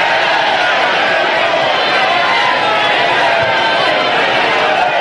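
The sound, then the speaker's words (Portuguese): A church audience, urged by the preacher to shout, shouts together in a loud, continuous roar of many overlapping voices that holds steady at full intensity for the whole stretch, with no pauses or breaks. “Grita aí, grita aí.”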